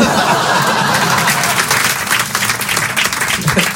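Sustained applause from an audience, many hands clapping in a dense, steady wash, with a few scattered laughs mixed in.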